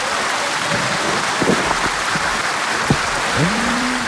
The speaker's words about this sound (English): Okay, you did it in less than 30 seconds. Applause for you.